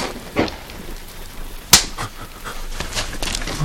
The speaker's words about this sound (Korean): 성식이 멍하니 서있자 경필이 성식의 뺨을 때린다.